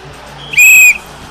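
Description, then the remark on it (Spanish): A single sharp, high-pitched whistle blast lasting about a third of a second, loud and steady in tone, with only faint background noise; a whistle brought by visitors, blown as the opening whistle at a radio station's Puertas Abiertas event. “¿Cómo suena ese pito?”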